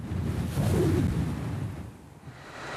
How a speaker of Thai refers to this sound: เพราะรถเครนกับเครนท่าเรือเหล่านี้ต้องทำงานในฤดูที่มีมรสุมโดยการติดตั้งกังหันลม SL 5000ที่มีขนาดใหญ่ที่สุดในโลกบนทะเลของอ่าวหางโจวทะเลที่มีคลื่นสูงและลมทะเลที่ไม่เคยสงบเป็นปัญหาหลักของภารกิจครั้งนี้